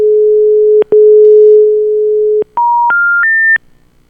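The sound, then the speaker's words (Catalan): A modem tone on a phone line: a loud, steady low electronic hum broken by two brief clicks, then three short pure beeps stepping upward in pitch before cutting off. “això és un mòdem. No és telèfon.”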